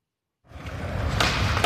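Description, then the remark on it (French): A skateboard rolls in after a brief silence, a steady gritty rumble of wheels that grows louder, with a couple of sharper clacks near the end. No voices. “C'était un skateboard.”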